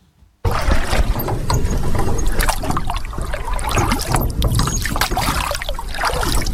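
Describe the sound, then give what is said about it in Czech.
Continuous splashing and sloshing of water as a small old rowboat, used to ferry building material, crosses a river, with rhythmic dips and trickles, loud and steady after a brief quiet start. “Právě plujeme na pramičce, kterou jsme převozili přes řeku tuny materiálu na lávku, kterou tady vidíte na skále.”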